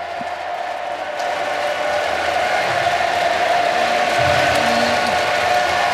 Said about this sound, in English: Listen to the chant. Just listen to that for a moment.